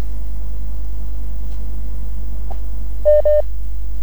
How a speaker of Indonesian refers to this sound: Oke, Kelapa Hari ada telepon masuk lagi. Sebentar.